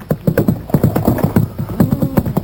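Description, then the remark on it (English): Horse hooves clip-clop in a steady, brisk rhythm, loud, with a low rumbling tone running beneath the repeated hoofbeats. “I tie my horse and cart him behind, but run along, you two.”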